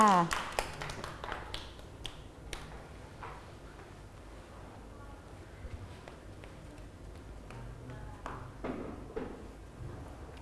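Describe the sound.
Children clap their hands in a quick, uneven burst that thins out into scattered sharp claps, with soft voices murmuring underneath.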